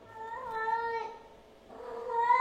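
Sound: cat meowing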